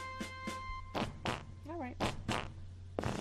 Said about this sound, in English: You know what? In honor of our 250th birthday, might I have a Yankee Doodle fart?